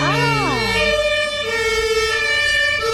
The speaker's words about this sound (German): Das war jetzt nicht eingeblendet, es war live dabei, irgendwie ein vorbeifahrendes Auto mit Hatütata. Ich denke, das ist mit über die Sendung gegangen.